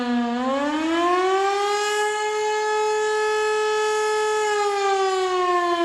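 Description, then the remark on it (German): A civil defense siren sounds the 'Alarm' signal at 12:30, a one-minute tone warning of acute danger; its loud harmonic tone sweeps upward at the start and then holds a long, sustained pitch that begins to dip slightly toward the end. No voices are heard. “Eine Minute lang ist ein auf- und abschwellender Dauerton zu hören.”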